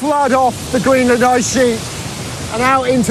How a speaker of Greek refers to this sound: κάθε μικρό ριάκι, κάθε ρεύμα ποταμού πάνω στο παγοκάλυμα καταλήγει σε ποτάμι, σε αυτό το ποτάμι